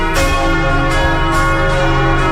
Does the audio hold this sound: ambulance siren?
no